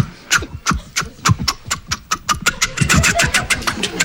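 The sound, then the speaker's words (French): Two people mimic a siren and a level-crossing bell together: rapid, evenly spaced ringing pulses over a wavering, wailing vocal tone, fairly loud throughout. One of them, a navigator, imitates the siren while the other imitates the level-crossing bell. “Il fait la sirène, je fais le passage à niveau.”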